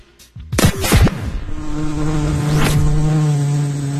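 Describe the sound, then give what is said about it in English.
A loud fly buzzes steadily, with sharp swooping pitch sweeps as it darts past, then settles into a sustained droning hum that continues to the end. “Go away! The buzz is amazing.”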